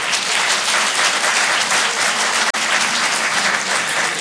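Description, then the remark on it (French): Sustained applause from a stand-up comedy audience in Rochefort, answering whether they like mountain ski holidays: a dense, steady wash of many hands clapping at once, loud and continuous for several seconds with a split-second break midway. “Tiens, par applaudissement, juste pour savoir, est-ce qu'il y a des gens ici à Rochefort qui aiment partir en vacances à la montagne, au ski ?”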